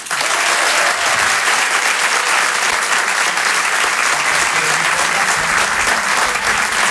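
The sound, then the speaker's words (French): A crowd at the Rire et Chanson Comedy Club applauds loudly and steadily to welcome a comedian named a comedian, a dense, even wash of many hands clapping with no pauses and no voices standing out. “Je demande un maximum de bruit, s'il vous plaît, un tonnerre d'applaudissements pour ….”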